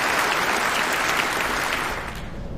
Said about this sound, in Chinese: 好，大家鼓掌，欢迎演出正式开始。